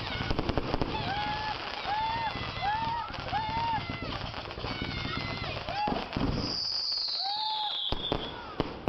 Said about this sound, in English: And for all you all unable to watch fireworks on the 4th of July, here's a little sound of the 4th of July for all you all. Cover the dog's ears, though, okay?